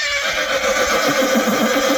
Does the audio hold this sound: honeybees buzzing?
no